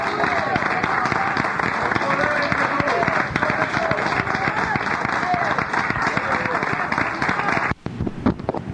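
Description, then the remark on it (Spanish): A church audience applauds loudly and steadily in praise of the Lord during a healing service, dense clapping for several seconds with voices mixed in, then cutting off abruptly near the end. “Otro aplauso a nuestro Rey, hermanos.”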